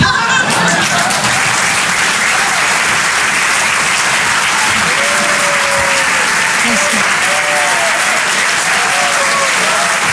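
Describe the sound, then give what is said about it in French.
Loud, sustained audience applause for a performer at the live Rire et Chanson Comedy Club show, a dense wash of clapping lasting the whole stretch, with faint cheers and voices rising through it. “On peut l'applaudir très très fort, elle aussi”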